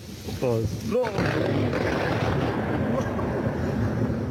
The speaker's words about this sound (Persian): و اینجا هم صدای هیبتناک صاعقه در ولایت هرات.